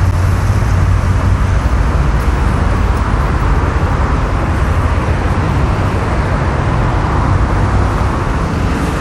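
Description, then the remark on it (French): Dense road traffic roars steadily beneath a footbridge, a loud continuous wash of low engine rumble and tyre noise with cars passing in front, behind and overhead, and no voices. “On a donc là des voitures devant, derrière et dessus.”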